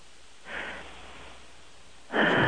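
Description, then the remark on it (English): A sleeping woman snores over a phone line: two hissy, breathy snores, a soft one followed after a pause by a louder one, with no talking. “I don't think we've ever had a chick fall asleep that we could hear.”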